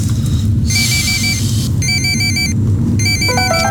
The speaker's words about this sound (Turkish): Telefon çalıyor. Benim değil. Benim de değil, bu zır zır çalıyor.